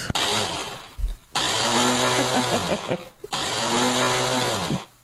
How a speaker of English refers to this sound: That's me every time I use the blender. Is it working? What's going on? I don't understand. My husband says, push the button down and keep your finger on it.